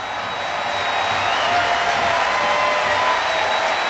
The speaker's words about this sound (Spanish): Aplausos aquí para Pedro, sale, de pie.